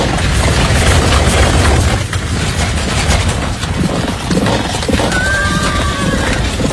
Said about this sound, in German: Und kurz darauf rasselten donnernd 600 der besten Kampfwagen aus der Stadt nach Osten.